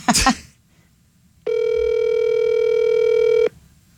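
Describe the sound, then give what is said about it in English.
A phone call being placed to Rod's phone: a brief burst of dialing noise, a pause, then a single steady ring tone that holds for about two seconds before cutting off, unanswered. No one speaks. “Rod's not even answering his regular phone.”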